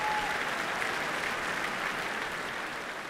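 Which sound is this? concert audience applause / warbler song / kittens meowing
concert audience applause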